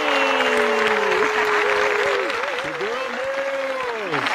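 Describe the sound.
A steady wash of audience applause and clapping holds at full strength throughout, with loud, wavering cheers and whoops from voices riding on top of it.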